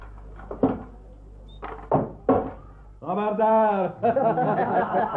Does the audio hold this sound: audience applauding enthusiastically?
no